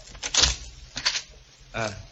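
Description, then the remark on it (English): An unlocked door is handled and opened: a couple of sharp latch clicks and rattles, then a short, tonal creak as it swings. “Now, let's try the door. It's not locked.”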